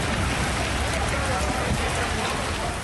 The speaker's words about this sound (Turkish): Sadece fırtına değil, yağmur da etkili oldu. Cadde ve sokaklar göle döndü. Çok sayıda ev ve iş yerini su bastı.